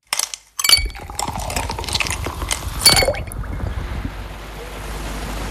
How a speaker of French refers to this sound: Oh, il est doux ce bruit, hein. Ce sont des glaçons, de la boisson qui pétille. Ça, c'est le deuxième indice pour vous aider à aller plus loin, pour vous aider à faire vos recherches.